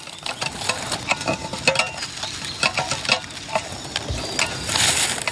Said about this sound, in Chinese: 把有鱼腥味的汤汁洒在地上，这样可以帮我们把熊引来。